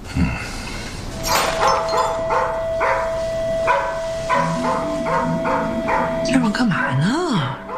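A large blue-coated dog next door, kept by two young people who have just moved in, barks repeatedly in a steady series of deep, loud barks, with a steady tone and some whining or squealing sounds near the end.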